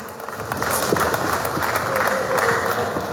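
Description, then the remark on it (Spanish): Sustained audience applause, a dense wash of many hands clapping steadily at a loud, even level, with a faint murmur of crowd voices mixed in, welcoming Villa Tunari mayor Omar Claros at the FECANTROP 31st anniversary event. “Así que recibimos con fuertes aplausos al alcalde Omar Claros, que también brinda sus palabras de circunstancia.”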